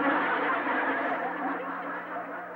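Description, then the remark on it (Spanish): A horn (bocina) being played as a musical instrument: a single long, steady blast with a buzzy, nasal tone, holding one pitch loudly for over two seconds with no speech. “¿La menor o la mayor? La bocina.”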